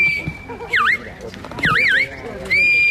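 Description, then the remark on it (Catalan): A shepherd's shrill whistles at a sheepdog trial in Prades, Baix Camp, Catalonia, directing dogs herding a flock: a long steady tone broken by two bursts of rapid up-and-down warbling, with rough shouted calls and outdoor noise underneath. “A partir dels xiulets i crits dels pastors, els gossos han anat conduint els ramats per superar les proves plantejades pel jurat.”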